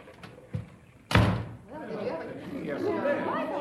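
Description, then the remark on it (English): A sudden heavy crash and thud as Mel plows into Herman and knocks him to the floor, followed by several voices talking excitedly. “Mel plowed right into Herman and knocked him down.”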